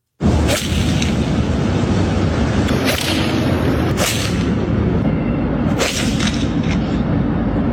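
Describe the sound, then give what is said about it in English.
Golf balls are struck off asphalt in the hills of Los Angeles into the city and traffic, with four or five sharp, whip-like cracks at irregular intervals, each cutting through a constant loud roar of rushing background noise. “They were smashing the ball, and all I could think about was, A, really dangerous, but B, how are they hitting it so cleanly off concrete?”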